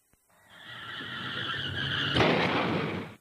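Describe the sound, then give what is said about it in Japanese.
A car's tires screech in a long, rising skid for about two seconds, then a sudden loud crash hits, with noisy rumble trailing off afterward. No voices. “車をぶつけちゃった。”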